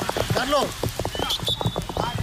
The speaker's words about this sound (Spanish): Este ha sido el sonido de la tromba de agua que ha caído.